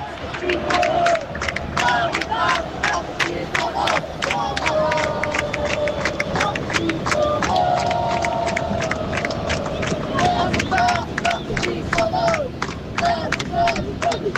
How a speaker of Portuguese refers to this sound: Só para vocês sentirem um pouquinho da torcida aqui direto do Maracanã.